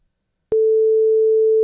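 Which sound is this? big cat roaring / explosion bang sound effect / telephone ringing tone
telephone ringing tone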